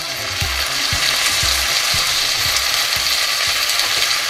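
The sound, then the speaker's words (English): Bacon sizzles steadily in a frying pan, a dense, bright crackle filling the whole clip, with faint regular low thumps pulsing underneath about every half second. No voices. “This is supposedly one of the most satisfying food sounds. Maybe you've heard it this morning. The sound of sizzling bacon.”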